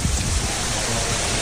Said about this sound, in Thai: บรรยากาศร่มรื่นนะคำชะโนดนะนี่เสียงลมนะครับมีต้นไม้นะครับมีพญานาคได้ยินเสียงลมใช่ไหม